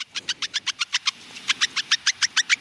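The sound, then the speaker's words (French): A mouse's rapid, evenly spaced high squeaks, about twenty short chirps in a steady run with a brief pause midway, clear with no voices. “ensuite on va écouter une souris.”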